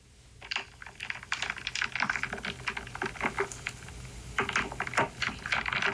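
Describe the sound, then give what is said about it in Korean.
Rapid, irregular clicking and clacking of wooden beads knocking together, fairly loud, in dense clusters with brief pauses, no voices. “나무 구슬 부딪히는 소리예요.”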